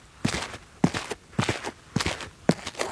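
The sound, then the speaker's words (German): Five steady foley footsteps on asphalt sprinkled with coffee powder as dirt, each step landing with a soft thud followed by a gritty, scraping crunch at an even walking pace. “Man könnte zum Beispiel noch ein bisschen Kaffeepulver drauf machen für so ein bisschen Dreck.”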